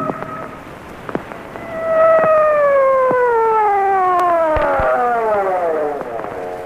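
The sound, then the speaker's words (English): An emergency vehicle siren wails loudly as the vehicle heads to an alarm at Pine Street, swelling in and then gliding slowly downward in pitch over several seconds, with a crackly, rain-like patter and scattered clicks underneath. “So why the siren?”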